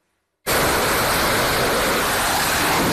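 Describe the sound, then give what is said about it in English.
After a brief silence, a fighter jet's engine roar bursts in as it takes off from the aircraft carrier USS Abraham Lincoln in the Gulf of Oman, near the Strait of Hormuz, holding as a loud, steady, hissing rumble that fills the whole range, with no voices. “One fighter jet after another takes off from the USS Abraham Lincoln.”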